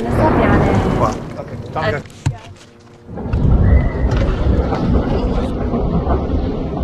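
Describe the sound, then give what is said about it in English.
A loud, rumbling roar of incoming military jets passing overhead in a village fills the scene, easing briefly midway before surging back powerfully, with indistinct voices buried beneath the din. “He insists these were civilian targets, and although he says he's not a member of Hezbollah, he says he does support their cause, before we're interrupted by the sound of incoming jets.”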